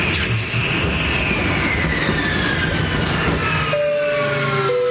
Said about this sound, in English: And this is your captain speaking again. As you can see, we're experiencing engine failure. Looks like we're not going to get this bird off the ground tonight.